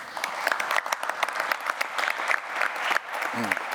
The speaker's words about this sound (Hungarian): Köszönöm a tapsot az ő nevükben is.